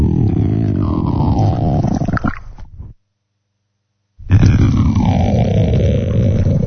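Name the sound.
stomach rumbling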